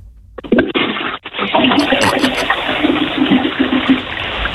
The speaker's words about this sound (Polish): Słuchajcie, to jest pierwsze ogólnopolskie intencyjne spuszczanie wody. Tego jeszcze nie było.